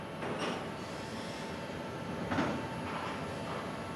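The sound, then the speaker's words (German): Steady rumble of a freight train at a container loading terminal in the seaport of Kiel, where a crane unloads the train and sets containers onto it, with broad bursts of metallic noise and hissing rising around the middle and start, no voices, fairly loud and continuous throughout. “steuert den Kran, der die Container gleich auf den Zug setzt.”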